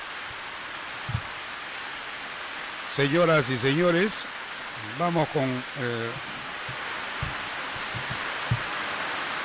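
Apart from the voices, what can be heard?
rain falling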